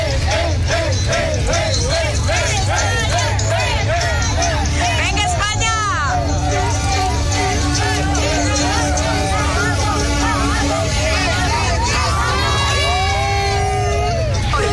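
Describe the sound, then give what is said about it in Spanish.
Dense crowd babble of Uruguay football fans at a match against Spain fills the scene, with many overlapping voices, shouts and bursts of cheering rising above a constant low rumble, loud throughout. “¡Vamos, justamente a toda la afición de Uruguay que vive, siente y realmente están vibrando esta fiesta, llegan con todo el ánimo y el día de hoy buscando esa primera victoria.”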